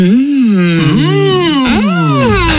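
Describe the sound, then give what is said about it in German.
Two voices moan together in long, sliding, overlapping tones, rising and falling with pleasure. Fairly loud, continuous for a couple of seconds with no words. “Keine Angst, diese beiden üben gerade genießen.”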